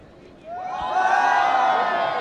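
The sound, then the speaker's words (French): An audience bursts into a loud, sustained shout all at once on cue as a fist is raised, many voices rising together and holding for a couple of seconds after a brief quiet start, as a test run. “Dès qu'on lève le poing, vous allez toutes et tous crier ensemble, d'accord? On teste?”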